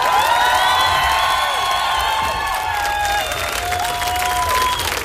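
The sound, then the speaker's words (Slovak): Loud, sustained applause from a large concert audience, a dense wash of clapping mixed with cheers, whoops and whistles that stays steady throughout. “Obrovský potlesk.”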